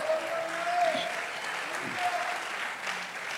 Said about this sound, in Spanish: Por eso dele un aplauso fuerte al Señor, hermano.